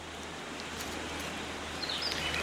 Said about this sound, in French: Parce que vous voyez, la rivière, elle est juste là. Ouais. Vous la voyez, vous l'entendez ?